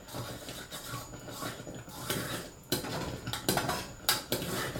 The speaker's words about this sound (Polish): Po paru chwilach będą już Państwo czuć zapewne, jak się konsystencja zmienia na taką bardziej kremową. Ona też zaczyna w taki charakterystyczny sposób bulgotać, bo oczywiście cały czas się gotuje.